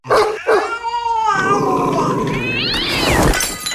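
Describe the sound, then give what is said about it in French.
Cats yowl and caterwaul loudly in long, wavering, rising and falling cries, with a couple of sharp dog barks and growls mixed in at the start. “Les chiens et les chats, c'est comme les piles et batteries dans les sacs PMC. C'est explosif.”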